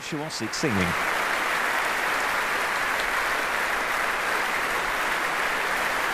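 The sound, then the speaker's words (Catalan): A large opera audience applauds steadily for baritone Yannick Debus and mezzo-soprano Rachel Wilson, a dense, continuous roar of clapping that stays loud throughout, with a brief voice heard at the very start. “Escolteu quins aplaudiments rebien.”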